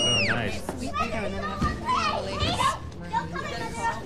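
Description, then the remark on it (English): Toddlers chatter and squeal at an event in Manhattan, their high-pitched voices overlapping in a busy, continuous stream of playful noise with a few sharp shrieks. “$100 a plate, and they're bringing toddlers?”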